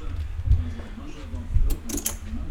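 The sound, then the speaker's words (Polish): A door is shut and then opened again, recorded with the microphone pointed at the door, with a couple of dull low thumps followed by a sharp metallic latch click and a brief creak of the mechanism. “Zamykam drzwi, czyli jest na drzwiach. Otwieram.”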